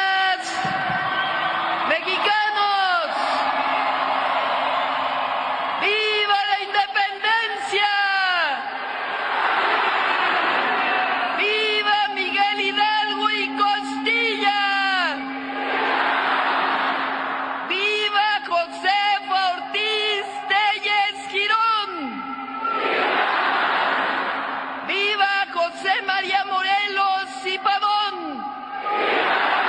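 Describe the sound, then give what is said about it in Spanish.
A huge crowd of more than 180,000 people shouts and roars in the packed Zócalo square of Mexico City during the Independence Day 'grito' ceremony at the National Palace, a dense continuous din with repeated bursts of loud cheering and whooping voices throughout. “del Palacio Nacional con la bandera mexicana para dar el tradicional grito en conmemoración del 216 aniversario del inicio de la lucha por la independencia de México, ante más de 180,000 personas en un desbordado Zócalo capitalino.”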